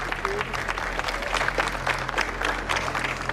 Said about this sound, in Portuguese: O cortejo seguiu pelas ruas da cidade já durante a noite e por onde passava, o povo aplaudia.